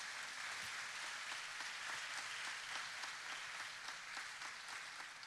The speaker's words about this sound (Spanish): Démosle un aplauso fuerte al Señor por la vida de cada una de nuestras madres.